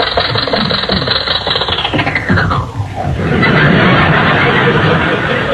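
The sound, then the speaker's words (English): An old jalopy car's engine runs loud and rough at a red light, its pitch sagging and sputtering for a moment as it is shut off to stop, before the rattling motor noise surges back and carries on steadily. “Well, you don't have to shut off the engine to stop.”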